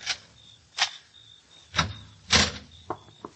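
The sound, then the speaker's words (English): A door being opened: a handful of sharp clicks and clunks from the latch and handle, spaced irregularly over a few seconds, with a faint steady whine in the background and no voices. “Now open the door”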